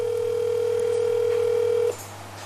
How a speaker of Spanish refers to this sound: No contesta. Estoy llamando a la vicerrectora.